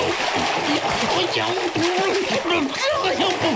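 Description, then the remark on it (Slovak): A loud splash as someone jumps into cold water, followed by steady churning and sloshing, with a voice making wavering cries over the splashing. “A skočil do vody.”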